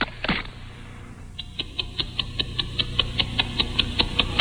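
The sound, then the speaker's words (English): A small Timex Ladies waterproof wristwatch ticks steadily, magnified by a very sensitive microphone it is affixed to. Crisp, evenly spaced clicks follow a brief rustle of handling noise at the start. “I'll take it off this baton, ladies and gentlemen, and I'm going to affix it to a very sensitive microphone, which will magnify the normally quiet ticking.”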